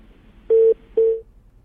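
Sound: phone call cut off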